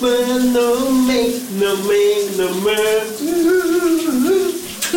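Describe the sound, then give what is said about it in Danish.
A voice sings a wavering melody while a steady hiss of running shower water pours continuously underneath for the whole stretch, in a radio morning show's shower-singing segment. “Vi skal have brusebadshittet ud af ovnen lige nu.”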